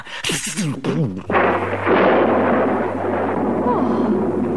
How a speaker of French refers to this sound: À cet instant, éclate un terrible orage, déchiré d'éclairs, ponctué par d'énormes coups de tonnerre.